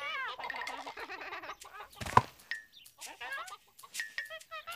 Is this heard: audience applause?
no